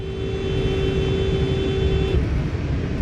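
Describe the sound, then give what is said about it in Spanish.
On a street in Roseville, California, a watching driver sounds a car horn at an erratically zigzagging vehicle in one long, steady blast for about two seconds over a constant rumble of road traffic. The horn then cuts off while the engine and road noise continue. “El conductor que vigila le toca el claxon como advirtiendo sobre su zigzagueo errático.”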